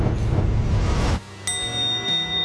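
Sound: bell ringing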